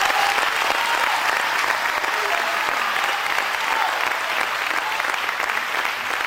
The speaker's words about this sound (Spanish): Y quiero por favor que me acompañen con sus palmas. Den ese fuerte aplauso para Dios.